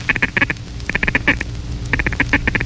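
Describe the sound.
Rapid, chattering duck feed call blown on a duck call, coming in three quick bursts of clipped quacking notes, fairly loud with no talking.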